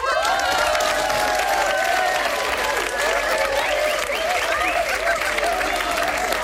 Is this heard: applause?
yes